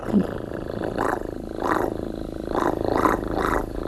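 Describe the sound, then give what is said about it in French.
A voice imitates a cat's purr: a low, buzzy rumble that swells and fades in steady rhythmic pulses, moderately loud, with no talking. “Par exemple, les petits chiens, un petit chat qui ronronne.”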